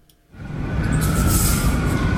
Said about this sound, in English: The sound of sirens pierces the air on South Limestone Street near UK Hospital.